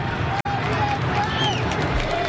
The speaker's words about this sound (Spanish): los aplausos que ustedes escuchan en el ambiental de Cooperativa que maneja Pedro Fuentes acá en el estadio de Colo Colo